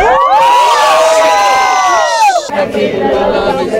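A large crowd sings loudly together, many voices holding and sliding along the same melody for a couple of seconds before it dissolves into cheering and excited shouting.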